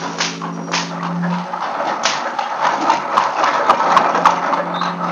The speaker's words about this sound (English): In the courtyard and down the rocky way, the roll of heavy wheels, the crack of whips.